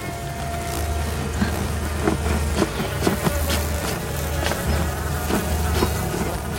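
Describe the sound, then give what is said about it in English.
A dense, continuous buzz of deadly stinging insects swarming close by around a nest hanging from a thick tree branch, droning steadily with a low hum beneath and scattered sharper crackles, no voices present. “The deadly insects buzz around close to Katniss, who glances down at the sleepers and grimaces with the effort of trying to saw through the stout branch.”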